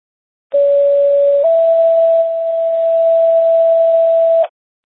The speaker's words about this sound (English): Medic 4, how do you copy non-emergency tones? Medic 4, loud and clear.